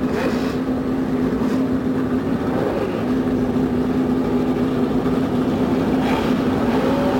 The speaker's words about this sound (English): The roar from 35 normally aspirated engines goes up along the main straightaway here at the Indianapolis Motor Speedway.